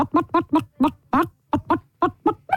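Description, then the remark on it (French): A person imitates a clucking hen with about a dozen short, rhythmic vocal clucks in quick succession, fairly loud, with no other talk. “Ah, c'est le coq. Ah non, c'est la version féminine.”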